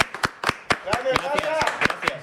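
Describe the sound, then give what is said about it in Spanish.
Applause from a few people, sharp claps in a quick, steady rhythm, moderately loud, while a voice calls out over the middle of the clapping. “¡Otro aplauso!”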